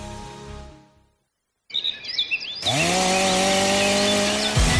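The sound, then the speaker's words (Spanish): Birds chirp briefly after a short silence, then a chainsaw roars to life, its loud, steady engine whine dominating to the end with a brief dip in pitch as it bites into wood. “Siente el verdadero poder del corte con la tecnología y precisión de las motosierras Steel.”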